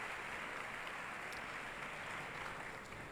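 Steady audience applause for the orchestra's concertmaster as she comes out on stage to tune the orchestra, a dense, even wash of many hands clapping at constant loudness with no voices over it.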